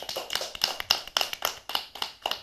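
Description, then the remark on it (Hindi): A short round of applause for a child's poem recitation about morning on a program: about ten sharp, evenly spaced claps in a quick steady rhythm, bright and crisp, with no talking over them. “तो कृष्ण भैया के लिए तालियां हो जाएं।”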